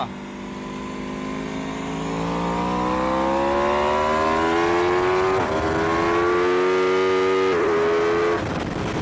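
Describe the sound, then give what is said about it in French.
A loud Aprilia motorcycle's V4 engine accelerates steadily on a race circuit that has just dried, its droning pitch climbing, with two quick dips where gears shift via a quickshifter without the clutch, then settles near the end; no one speaks. “Parce que oui, cet Aprilia, sa particularité, c'est son moteur V4.”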